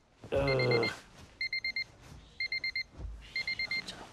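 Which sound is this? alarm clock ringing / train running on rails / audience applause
alarm clock ringing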